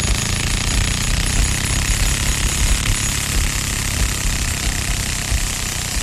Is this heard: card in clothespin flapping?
yes